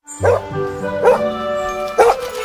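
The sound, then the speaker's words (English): A female dog lets out three short, bright barks about a second apart, with whimpering, whining tones held between them, all in a steady two-and-a-half-second burst. “With chances to win a whole lot of bones?”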